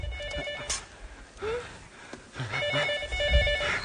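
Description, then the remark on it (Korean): A telephone rings with a call for a patient, in two bursts of steady electronic trilling separated by a short pause, moderately loud with some faint background murmur and movement. “저 환자한테 전화 온 것 같습니다.”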